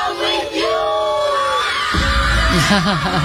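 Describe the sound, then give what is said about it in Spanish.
Excited children of about 5 or 6 shout and yell while dancing, over a loud, busy crowd, their high voices rising in wavering cries, with a heavy rumbling beat entering partway through. “Sí, se lo merecen y los gritos que dan.”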